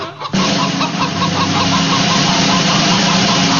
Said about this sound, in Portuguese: É a galinha, o bicho de hoje.